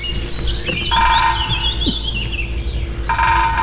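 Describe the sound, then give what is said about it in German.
Two bursts of rapid, ringing woodpecker drumming against a house facade or metal gutter in the morning, spring courtship drumming, the first long and the second starting near the end, amid steady outdoor birdsong and chirping. “So bis 9 und dann hämmert der lautstark gegen Hausfassaden oder gegen Dachrinnen immer wieder.”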